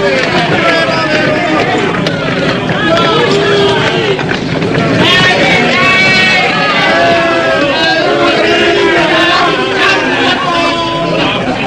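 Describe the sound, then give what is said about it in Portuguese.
A large crowd of people shouts and yells at once, a dense, loud, deafening wall of overlapping voices that stays steady for the whole stretch, with no single speaker standing out, as a prisoner is mercilessly flogged before them. “Jesus é açoitado impiedosamente ao som dos berros ensurdecedores do povo”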